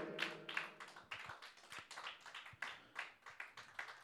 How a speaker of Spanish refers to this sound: Amén, hermanos, démosle palmas. Si estamos entendiendo, aleluya.